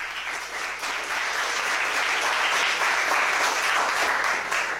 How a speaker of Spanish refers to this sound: Fuerte el aplauso para el presidente del centro, que seguramente en 2030 vamos a ser la principal fuerza política a nivel nacional del país y del Partido Nacional.